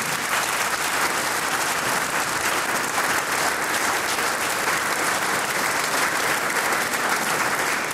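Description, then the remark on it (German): Sustained applause from a sizable audience for a performer's 70 years of playing clarinet, dense and steady clapping filling the whole stretch at a fairly loud, even level with no voices standing out. “Du kriegst einmal einen Applaus für 70 Jahre Klarinetten.”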